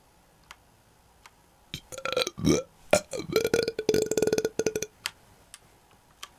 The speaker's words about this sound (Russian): Вот тебя кто-то в команде рыгает.